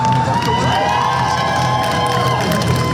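Dozens of people gathered outside the Nasdaq offices in New York cheer and applaud the SpaceX stock market listing, with whoops and shouts rising over a dense wash of clapping at a constant, loud level throughout.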